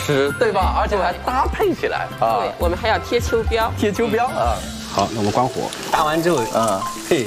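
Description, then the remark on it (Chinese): A steady, crackling sizzle of beef deep-frying in rapeseed oil, a signature technique of Anhui cuisine, runs through the whole clip, fairly loud, beneath people talking continuously over it. “观众朋友，这不是芝麻条啊， 炸牛肉是一个徽菜的一个特色做法，对吧？”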